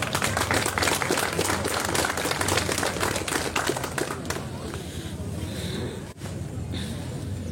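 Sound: audience applause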